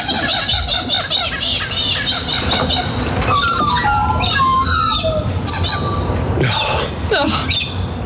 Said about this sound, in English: Well, I was just so delighted yesterday morning getting up and listening to the birds around my home in Bridgewater.